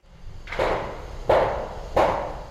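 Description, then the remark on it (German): Three loud, evenly spaced hammer blows ring out on a construction site of a shell building with concrete scaffolding at Wasserstadt Limmer in northwest Hanover, a crane swinging overhead, each strike followed by a short decaying clang over a steady background rumble. “Der Kran schwenkt über den Rohbau. Betongerüste, Baulärm.”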